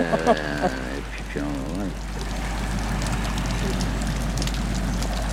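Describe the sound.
A voice briefly sounds at the start, then a steady, fairly loud wash of surf fills the rest, the continuous rushing hiss of waves breaking on a shore.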